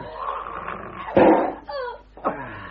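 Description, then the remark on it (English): A dog, loose and unfed for two days, growls and snarls as it attacks its master, Rucastle, with a sudden loud snapping burst in the middle, followed by high, whining yelps and another sharp snarl. “The dog's got loose.”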